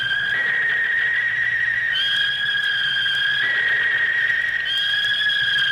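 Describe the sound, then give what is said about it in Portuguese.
A hawk calling loudly: a steady, piercing whistled cry that holds for long stretches and steps between two pitches, continuing without pause and with no talking. “Gavião cantando alto”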